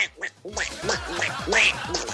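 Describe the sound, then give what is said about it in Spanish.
A raspy, nasal Donald Duck cartoon voice quacks out a quick string of about five garbled, speech-like syllables, fairly loud, with no other sounds around it. “Recuerden, para que se peguen un bajoncito, el día del Pato Donald también.”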